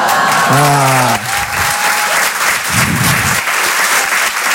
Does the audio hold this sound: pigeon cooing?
no